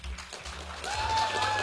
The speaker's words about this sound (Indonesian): Boleh minta tepuk tangannya sekali lagi teman-teman?